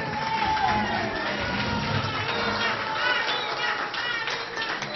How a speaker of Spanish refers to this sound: Un aplauso para él, por favor. Fuerte los aplausos.